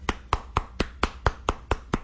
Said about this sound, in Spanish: Te aplauden.